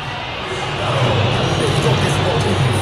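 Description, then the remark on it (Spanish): A large crowd murmurs in a steady, dense hubbub that swells louder after the first second, with a few whistles mixed into the noise, as the crowd reacts to Sampaoli being presented. “Murmullos y algunos silbidos.”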